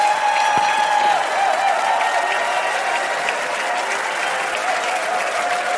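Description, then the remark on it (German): Sustained applause from a large audience at an ARD television show, a dense, steady wash of many hands clapping at once, loud and continuous throughout with no talking over it. “Und da gibt es einen riesen Applaus”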